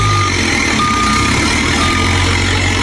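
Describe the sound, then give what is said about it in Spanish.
A truck reverses into a turnaround area before heading down to La Florida, with a low, steady engine rumble while a reversing alarm beeps at a constant high pitch, about three long beeps repeating roughly once a second. “Va a cuadrarla en el reversadero y ya, para que arranque y bajo para la Florida.”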